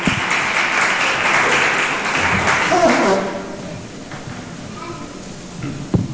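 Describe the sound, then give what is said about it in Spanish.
A church audience claps for the Lord in a dense, steady burst of applause for about three seconds, then it thins out into scattered claps and crowd murmur. “Eso, denle un aplauso al Señor. Fuerte, por favor.”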